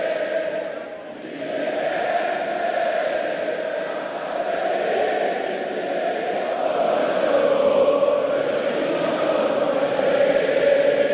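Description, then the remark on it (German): A large stadium crowd sings together in a sustained, droning chorus, voices blending into a steady mass of sound that swells slightly louder toward the end. “Stadion fast ideal gefüllt, sage ich mal. Vielleicht nähern wir uns doch den 40.000 und jetzt singen hier alle mit.”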